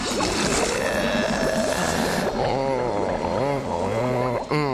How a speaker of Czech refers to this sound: Jejda, to je ale příjemná, horká koupel. Je, už došáhnu na dno. Cítím tady ovár. V obrovitánský vaně, plný bublin.